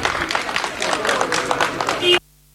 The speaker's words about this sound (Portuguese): Mais tarde, a seleção voltou a sair do hotel para ir para o treino e aí Jorge Jesus ouviu estes aplausos registados pela TV.